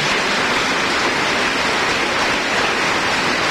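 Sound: audience applause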